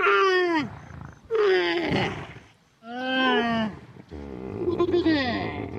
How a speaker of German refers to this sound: Ah, aber da ist ein Wasserloch. Da holen sich auch einige Tiere. Zum Beispiel die Kamele da hinten. Hört mal.